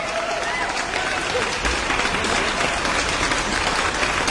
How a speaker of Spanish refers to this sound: Gracias, pero muchas gracias. Me encantan esos aplausos.